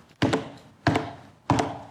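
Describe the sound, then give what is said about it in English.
Three evenly spaced, solid wooden knocks on the door of a house, each a quick double rap with a dull thud and a short ringing decay. No voices. “So they're eating and drinking, having a good time, and all of a sudden there's this knocking.”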